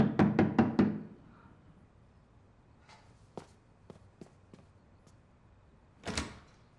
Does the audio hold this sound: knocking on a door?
yes